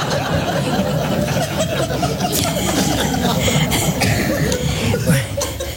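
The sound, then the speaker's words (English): A few short, sharp coughs break through a dense, noisy background, with the loudest burst near the end and some faint chuckling mixed in. “This is the signal for a cough. There is one?”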